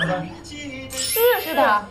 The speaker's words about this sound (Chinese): 是他自己唱的吗？ 这都时尚玩这个吗？用自己的歌来当铃声。